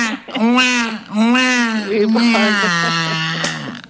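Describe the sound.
A man's voice mimics a crying baby, wailing in several drawn-out, wavering sobs one after another, loud, with no actual words.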